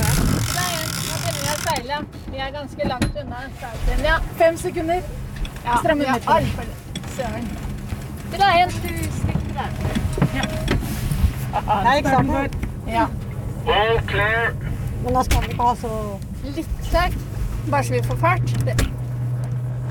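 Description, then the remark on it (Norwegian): Aboard a racing sailboat, the legendary boat Abelone, currently ranked the world's 22nd best, sailing in a World Championship in the 11 metre and half ton classes: crew members call out over a steady rush of wind and water, with the clicking and grinding of winches and other deck gear throughout. “Og nå skal du få et innblikk I hvordan det på en av verdens beste båter.”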